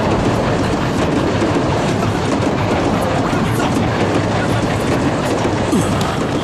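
A train rumbles steadily past a station without stopping, its wheels clacking in a continuous rhythm under dense, loud rolling noise that never slows or fades.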